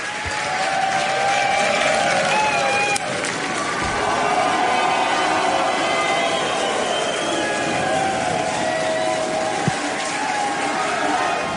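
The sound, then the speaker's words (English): The SpaceX team cheers and applauds continuously as Starship launches toward space, with whoops and shouted voices layered over a dense, steady roar of clapping that stays loud throughout. “So, as you can see there, the SpaceX team were pretty excited when it launched up heading towards space.”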